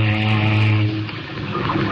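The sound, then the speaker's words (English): A ship's foghorn sounds one deep, steady blast with a buzzy, harmonic tone for just under a second, then gives way to a loud, rough rumble. “Say, don't you ever use your foghorn?”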